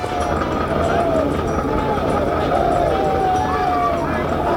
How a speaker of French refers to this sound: Les cris que vous entendez sont ceux des troupes qui se préparent à s'élancer à l'assaut.